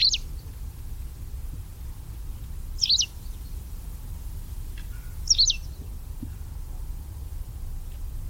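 Tree pipit song: three brief, high, buzzy chirps spaced a couple of seconds apart, set over a steady low rumble with no voices.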